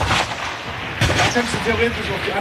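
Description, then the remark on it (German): A single sharp shot from a sport pistol firing rimfire cartridges cracks out about a second in at a 50-metre shooting range, loud, with a brief echoing tail, while a man talks steadily before and after it. “Wir sind im 50-Meter-Schiessstand.”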